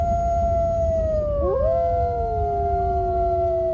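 Several wolves howl together in long, steady tones, one voice sliding down and crossing another midway, over a constant low rumble like wind. No one speaks.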